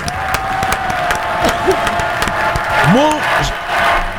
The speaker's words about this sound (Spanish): Primero, un aplauso para ella. Qué belleza. Se lo merece.